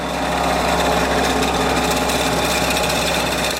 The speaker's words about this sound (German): Jetzt wird's laut, sagt Claudia Koschitz. Die Rüttelmaschine läuft.